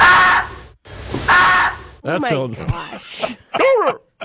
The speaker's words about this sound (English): Now, this will save your, you don't want to be driving around and you hear this call. You know that there's activity. The deer, mating call of a deer.